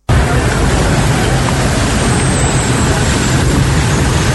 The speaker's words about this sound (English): Hours of downpour left motorists stranded in long queues of traffic on the school junction Nana Krum stretch. Flooding coupled with a broken down truck brought movement to a near standstill.